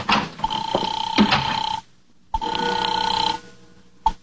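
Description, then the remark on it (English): A telephone rings in two long, steady bursts separated by a short pause, its bright electronic trill fairly loud, followed by a couple of brief clicks at the end. “It's ringing now.”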